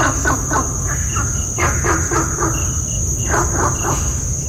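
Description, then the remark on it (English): A Gunther's frog in Singapore gives rapid bursts of short, hoarse barking calls in three quick series, over a constant high-pitched insect drone and a low rumbling background. “I have for you an audio recording of Gunther's frog in Singapore. Riveting barks, but no rivets is heard.”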